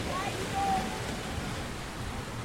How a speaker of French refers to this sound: On est à Kini, sur la plage. Il fait nuit et on entend beaucoup les petites vagues.